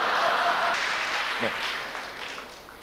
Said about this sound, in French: Même les hommes applaudissent, ça c'est extraordinaire.